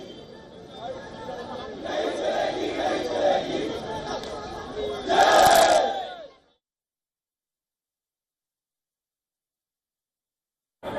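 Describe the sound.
A crowd of many voices shouting and chanting slogans together at the Congress Party headquarters in the early evening, for about six seconds, swelling to a louder burst near the end before cutting off into silence.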